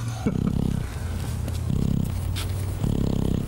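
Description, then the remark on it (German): A sedated ruminant snores loudly, with three rough, rumbling breaths in a slow, regular rhythm over a steady low background. No one speaks. “Hier hört man, wie er schnarcht.”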